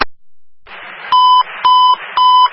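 Three loud, steady electronic beeps of a Buffalo Fire dispatch alert tone repeat in an even rhythm, each cut short, over a crackly radio-like hiss.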